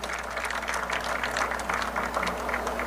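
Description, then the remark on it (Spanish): A crowd applauds steadily for about three seconds, many hands clapping in a dense, even patter at moderate loudness, with a low steady hum underneath and no voices. “Deseo que repite un fuerte aplauso también.”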